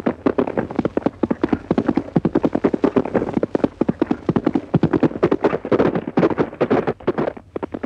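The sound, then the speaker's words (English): A horse named Goldie trots steadily back over a track, its hooves clip-clopping in a brisk, continuous rhythm, with a faint low rumble underneath and no voices. “Turn him round. Take him back over the track.”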